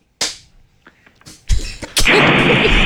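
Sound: door being slammed shut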